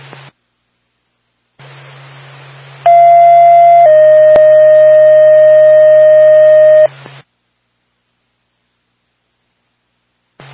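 A Woodstock Fire Department dispatch alert over a crackly radio channel: a short steady tone shifts straight into a longer, slightly lower tone lasting several seconds, framed by bursts of radio static and hum, calling Lincoln with an engine to 9 Ridge Drive A in Woodstock for a fire alarm activation.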